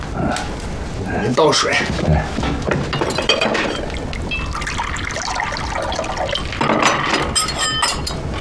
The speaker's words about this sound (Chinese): 倒水。